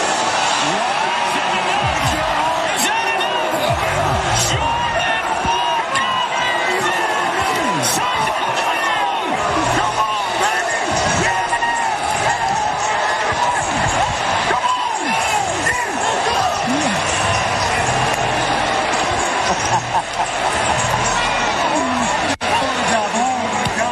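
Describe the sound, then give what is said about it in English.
Philly fans in a large stadium crowd boo during the walk-off finish of the Derby, a loud, unbroken roar, with scattered shouts and whistles rising out of the dense wash of voices. “Look at Philly fans just booing.”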